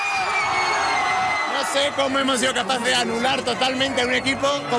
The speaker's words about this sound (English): as fans leapt and shouted around him.